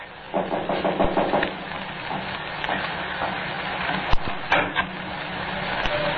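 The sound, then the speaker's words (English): A quick series of wooden knocks on a door, then scattered footsteps coming in with a few sharp thuds, performed as sound effects on cue from a script, all over a steady background hiss and low rumble. “Now, take the knock on the door and the footsteps coming in.”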